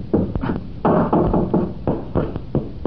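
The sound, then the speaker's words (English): Heavy hammering on a solid wooden door at a point close to the ground: a run of loud, dull thuds in uneven bursts, some blows landing in quick pairs, with no voices. “but we were hammering on it at a point several feet above the ground. Let's try it close to the ground and see what happens.”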